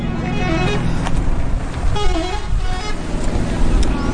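A bus engine rumbles in Aleppo, Syria, in front of a large converted hangar as families get off the bus, while car horns toot repeatedly in the background, with a crowd of voices murmuring through the steady outdoor traffic noise.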